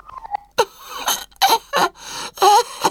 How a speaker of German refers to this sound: Er wickelt sich einen Schal um den Hals und presst ein Husten hervor.